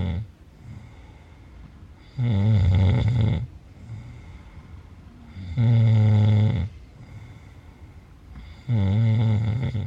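Loud, rattling snores, made on breathing in by a slack, hanging soft palate vibrating, repeat three times at a steady pace, each a low buzzing rumble lasting about a second, with quieter breathing in between.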